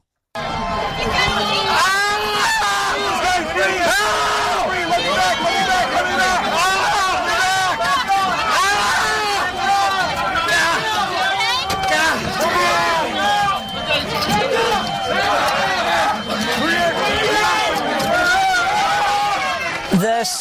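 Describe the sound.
A mob pressing against a door: a dense, loud crush of overlapping shouting and yelling voices, frantic and unbroken for about twenty seconds, with strained cries rising above the roar.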